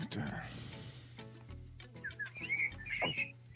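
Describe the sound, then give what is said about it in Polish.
Birds chirping outside, a flurry of short, bright high-pitched chirps in the second half, over a low steady background hum. “Ale fajnie ptaszki ćwierkają”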